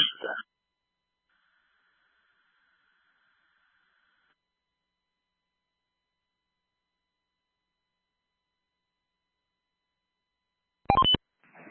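Brief bursts of telephone keypad tones come through a radio channel at the start and again near the end, with a faint steady tone and long stretches of silence between them.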